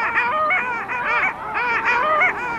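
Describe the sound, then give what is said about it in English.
A dense chorus of long-tailed ducks calling in courtship on a lake at midnight with the sun above the horizon, a huge group of males competing to attract females and fight off rivals, overlapping nasal, yodeling honks from many birds at once, loud and continuous with a rising and falling rhythm, no talking. “On this lake right now, there's an incredible congregation of long-tailed ducks.”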